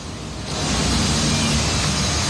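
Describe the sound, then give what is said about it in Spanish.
Clean water flowing naturally in a park rushes steadily in a dense, even hiss that swells slightly after the first half second and then holds constant, with no voices or other sounds. “El agua es agua limpia, que corre de manera natural.”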